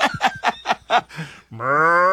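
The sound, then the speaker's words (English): A short burst of rhythmic laughter gives way to a sustained, low, droning vocal tone, a person mimicking a cow's moo, held steadily until the end. “My mom would ring the cowbell, and people would moo at me and my sister.”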